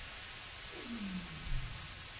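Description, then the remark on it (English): A single low, gliding whistle from a seal underwater slides downward beneath a steady wash of underwater hiss, faint and echoey with no voices present. “And then you get the sounds of seals that come through with their kind of whistles underwater that just kind of add to this this very cavernous sort of echoey feeling.”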